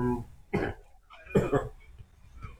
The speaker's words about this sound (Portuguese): Tá tossindo muito?